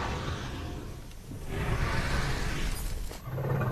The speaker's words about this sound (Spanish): Desesperada, Mensa escarba buscando agua.